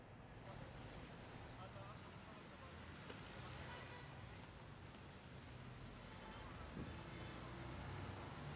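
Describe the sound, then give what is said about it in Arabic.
A large electric generator engine on a sidewalk by a restaurant in Damascus runs continuously, producing a steady low droning rumble with a broad mechanical hiss. The sound holds even and constant throughout. “دوران محرك هذه المولدة الكهربائية الضخمة”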